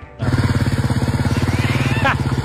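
A motorcycle engine starts up and runs with a steady, throbbing pulse, its pitch climbing briefly as it revs near the end.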